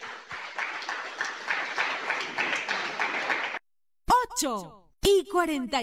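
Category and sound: crowd, audience applauding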